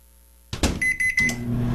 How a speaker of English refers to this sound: Stop using the microwave.